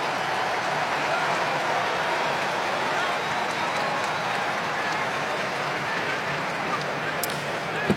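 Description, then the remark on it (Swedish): A stadium crowd applauds steadily for about eight seconds as Senegal substitutes central midfielder Papgay for Lamine Kamara in a match against Belgium that Senegal leads 2-0. It is a dense, even wash of clapping and crowd noise at a constant loudness, with a voice faintly audible beneath it. “Han får applåder i alla fall.”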